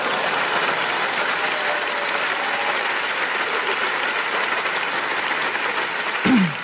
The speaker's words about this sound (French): Ouais, applaudis, ça me fait plaisir.